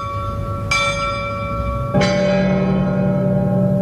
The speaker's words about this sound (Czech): Princip zvonění je odzkoušen a vybudovali si ho staletí tak, že zvon se pohybuje ze strany na stranu a srdce zvonu zvon dobíhá. To znamená, že ho doběhne v jeho nejvyšší úvrati a uhodí do uhozového věnce. A toto se opakuje na jednu i na druhou stranu